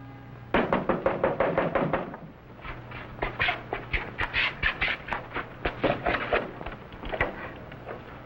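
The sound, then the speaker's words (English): Rapid knocking by Marco Polo on the wooden door of the mayor's house in the village of Shangchensu, arriving in several quick bursts of sharp raps with brief pauses between them, fairly loud, with no voices. “That man knocking on the door, he doesn't look Chinese.”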